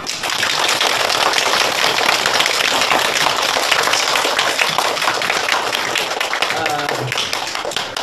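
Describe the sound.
A classroom of students claps steadily for several seconds to welcome a visiting professor from the National Defense University, a dense, crackling burst of many hands that stays loud throughout, with a faint voice underneath near the end.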